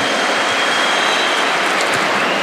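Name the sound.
audience applause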